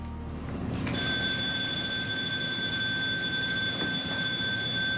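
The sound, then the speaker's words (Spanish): A ship's alarm signal for a lifeboat evacuation drill starts after about a second and sounds as a loud, steady electronic tone held without a break over a rumbling background. “Dios mío, desaparece la señal de alarma.”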